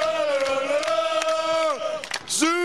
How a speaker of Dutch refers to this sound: En je voelde die explosie van gejuich hier ineens loskomen. Ik zag achter de goal waar zojuist gescoord werd. En het gaat dus helemaal los. En je hoort nu ook het Super Quick Boys.